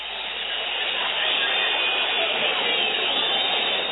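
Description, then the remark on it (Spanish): The Independiente home crowd in Avellaneda whistles in disapproval at the end of a football match against Platense on a cold night, a dense, shrill wash of overlapping whistles and jeers that holds steady and loud for about four seconds with no voices talking over it. “Terminó el partido con un frío que silba en la noche, porque la calentura del hincha de Independiente se transforma en el frío de la noche y el frío se transforma en silbido de reprobación para Independiente,”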